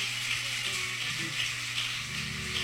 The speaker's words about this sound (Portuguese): com as palmas para Jesus.